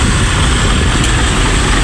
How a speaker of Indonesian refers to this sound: mogok, truk susu.